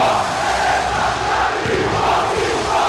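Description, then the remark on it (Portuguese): A large stadium crowd chants and roars together, the chant led by Magrão, goalkeeper and idol of the Leonina supporters; a loud, dense unbroken wall of voices that rises and falls slightly over a few seconds. “Você tá ouvindo aí a voz do Magrão no casar.”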